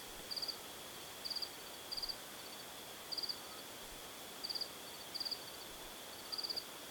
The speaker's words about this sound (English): Spending nights outside before settling in the mountain village of Yegan, he writes of being sung to sleep by insects as darkness fell and the crickets began to trill.